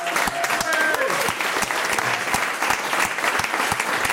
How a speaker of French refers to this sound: Sébastien Cortési, producteur …, qui est accompagné de notre autre producteur, Jean-Luc Sudan, et de leur attaché production, Ariel Serré, qu'on applaudit.